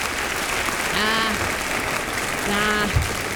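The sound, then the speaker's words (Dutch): Steady, dense applause fills the whole stretch at an even level, with two brief voiced calls or whoops rising out of the crowd noise partway through. “Ik zou er niet eens om klappen, echt waar.”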